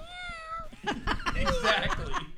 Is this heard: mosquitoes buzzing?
no